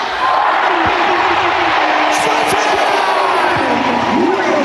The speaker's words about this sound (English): But instead of zero, I need each and every one of you to yell, start the party as loud as you can. Let's count it down. 3, 2, 1.